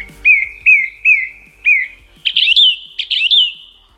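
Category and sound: bird, song thrush singing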